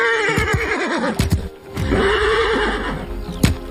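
A horse called 125, being broken in and trained, lets out a loud, wavering whinny, followed by a second shrill neigh, while a few sharp hoof clops thud underneath and one more strike lands near the end.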